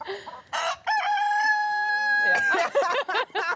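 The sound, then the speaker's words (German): A rooster crows loudly, one long drawn-out cock-a-doodle-doo, with shorter clucking calls from hens before and after it, on a farm with 60 hens. “Christine setzt den Hahn immer wieder auf die Hühnerwiese.”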